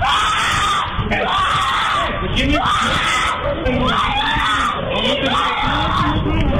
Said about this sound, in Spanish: En él se observa cómo el can se salió de su casa y se le fue encima, mordiendo sus extremidades por 45 segundos, mientras él gritaba con desesperación.